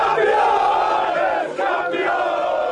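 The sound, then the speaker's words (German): Football fans of the Stahnsdorf club, champions of the Oberliga Süd, roar and cheer together in a dense, sustained wall of voices, loud and steady throughout with a brief dip midway, no single speaker standing out. “So jubelt ein Meister.”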